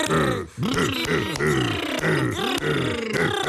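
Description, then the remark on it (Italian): A voice imitates a caveman grunting in fear: a rapid string of loud, rough, guttural grunts with rising and falling pitch, nearly continuous for a few seconds apart from one brief pause. “Bene, molto bello, l'uomo primitivo che esprime la paura.”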